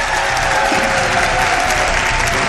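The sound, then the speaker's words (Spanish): Steady, dense audience applause at a congress fills the whole stretch, many hands clapping loudly and evenly without a break, with faint crowd murmur mixed in, applauding a guest on a radio broadcast. “un aplauso para él.”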